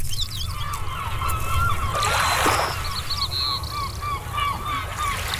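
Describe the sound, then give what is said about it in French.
Harsh, repeated seagull calls ring out over a steady low rumble of water and wind, several gulls crying in overlapping bursts. “le mot déplié par notre poète de la Colombie-Britannique aujourd'hui, c'est le mot « la mouette »”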